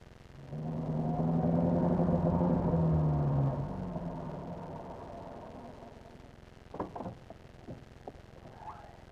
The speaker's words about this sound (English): Listen! Did you hear that? There's a car out there. It just drove up.